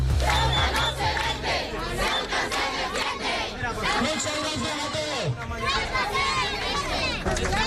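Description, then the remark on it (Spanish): A large protest crowd of hundreds of residents in the autonomous city of Ceuta chants slogans such as "Ceuta no se vende, Ceuta se defiende" in loud unison. Many voices shout rhythmic phrases over a continuous roar that stays dense and intense for the whole stretch. “Ceuta no se vende, Ceuta se defiende, gritan”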